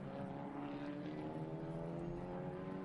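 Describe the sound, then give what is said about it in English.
The engines of two racing cars roar steadily at high revs as they race each other, a dense droning buzz of layered harmonic tones that holds constant and loud throughout, with no voices. “This is outstanding racing by these two cars.”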